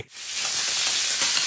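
Sausages sizzle on a barbecue, a steady hiss and crackle that starts abruptly and holds evenly for a second or so, with no voices over it.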